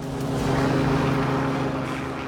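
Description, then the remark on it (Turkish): A helicopter flies with a load slung beneath it, its low rotor and engine drone steady, loud and unchanging for a couple of seconds, with no voices. “Helikopterin altına bir şeyler bağlayıp uçurmak erkeksi bir duygu.”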